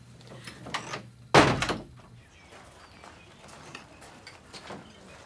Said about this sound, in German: Na dann. Tür zu.